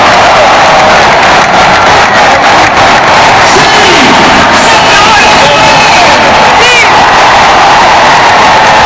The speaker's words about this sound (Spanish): Este era el momento en el que se pitaba el final del partido y la Caldeira estaba en aplausos y en vítores.